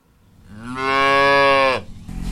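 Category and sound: animal, dairy cow mooing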